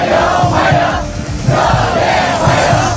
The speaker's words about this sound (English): And cheering students have welcomed Donald Trump to Beijing, where he's due to have talks with China's president.